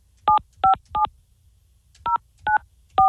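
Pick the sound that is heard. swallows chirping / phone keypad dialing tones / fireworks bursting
phone keypad dialing tones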